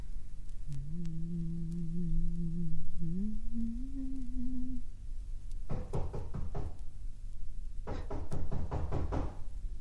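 A soft, steady hummed tune fades out, then two loud bursts of rapid knocking on a door, each about five quick raps, separated by a short pause.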